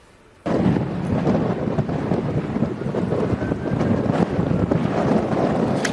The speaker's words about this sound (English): And you can hear the fierce howling winds fueling this monster inferno as massive plumes of smoke choke the skies and firefighters try to attack the flames from above.